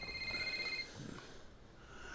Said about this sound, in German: Wenn dein Handy klingelt.